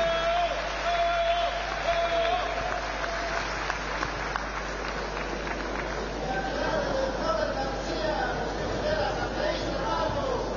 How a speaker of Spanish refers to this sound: Vamos a recibir con fuertes palmas al hermano gobernador de Cochabamba, Leonardo Loza. ¡Fuerte las palmas!